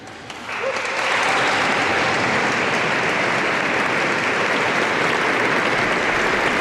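A crowd of volunteers erupts into loud, sustained applause, cheering and shouting, swelling within the first second and then holding as a dense, steady roar of clapping and raised voices with no single voice standing out, heard at the entrance to an archdiocesan ceremony.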